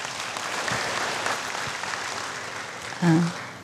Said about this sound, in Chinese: 我们现在掌声有请